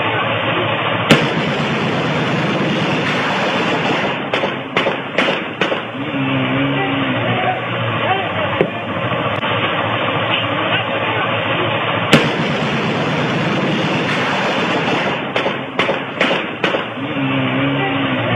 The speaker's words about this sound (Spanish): Inclusive, pone un poquito de ese que se escuchan los disparos, porque es impresionante, digno de, solemos decir, Tarantino. Escuchen.